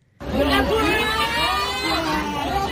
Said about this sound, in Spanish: Gritos, cantos y sobre todo una protesta común. Los estudiantes del Liceo Gutenberg de Créteil, a las afueras de París, se unieron a la jornada de bloqueos y manifestaciones convocada en Francia para pedir unas mejores condiciones para sus estudios.